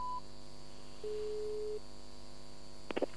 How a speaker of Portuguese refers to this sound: Caiu a chamada